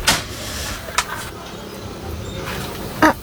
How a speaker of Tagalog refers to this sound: Ito na, nandiyan na. Mabuksan nga itong pintuan.